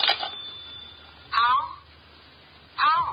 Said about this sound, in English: Excuse me, the phone.